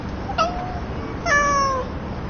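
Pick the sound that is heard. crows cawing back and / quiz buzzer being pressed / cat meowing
cat meowing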